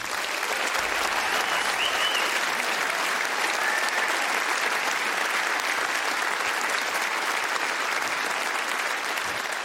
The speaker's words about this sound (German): Applaus.